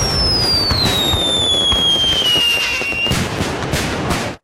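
Fireworks crackle and pop in a dense, continuous barrage, with a high whistling tone gliding slowly downward over the bursts before cutting off near the end.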